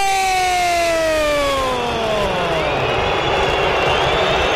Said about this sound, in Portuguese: Vaias da Fiel! Festa do Peixe na casa Itaquera! O Santos vence o primeiro clássico do ano!